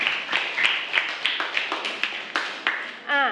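A short round of applause: about a dozen crisp claps in a quick, steady rhythm, close and moderately loud, ending as a brief voiced sound cuts in.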